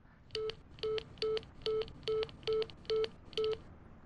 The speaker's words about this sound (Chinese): 成，我给她打电话。